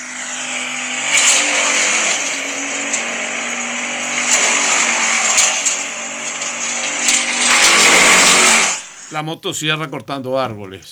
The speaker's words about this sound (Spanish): La motosierra cortando árboles.